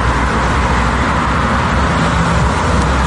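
Cars in a queue for fuel at a filling station in Russia, a queue stretching hundreds of meters during a fuel crisis, produce a steady, loud rumble of engines and road noise, continuous for a few seconds, with no voices.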